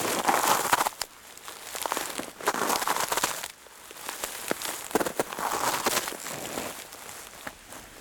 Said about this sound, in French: C'est une neige croûtée qui est déposée sur un tapis de feuilles mortes. Ça donne ce son si particulier.